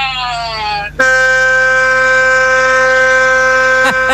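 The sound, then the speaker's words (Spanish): A loud truck air horn, sounded by a trucker on the road arriving at Nuevo Torino near Humboldt, blares: a brief sliding blast, then one long steady multi-tone blast that holds for about three seconds before cutting off. “Con la bocina. Gracias, gracias inmensas a José Carlos, nuestro amigo camionero.”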